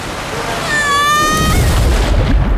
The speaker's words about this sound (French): Vous venez d'entendre le bruit d'une descente en toboggan à Aqualibi.